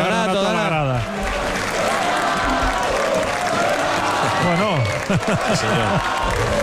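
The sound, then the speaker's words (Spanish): A large stadium crowd applauds steadily because a man has just arrived, a dense wash of clapping that continues throughout while a man talks over it. “La gente está aplaudiendo aquí porque acaba de llegar Donato.”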